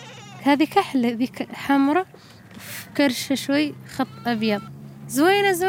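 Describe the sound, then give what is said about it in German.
Sheep and goats in scrap-metal pens on a hill at a Sahrawi camp bleat repeatedly, their wavering, overlapping cries coming in quick bursts, with a longer drawn-out bleat at the end over a low steady background hum. “Die meisten Familien hüten heute noch ein paar Schafe oder Ziegen.”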